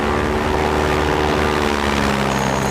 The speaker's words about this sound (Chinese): 什么声音啊？哎，是飞机！ 哎， 是不是谷主席来给我们送东西了？ 哎，那为什么不往我们这儿投啊？你看，都飞走了。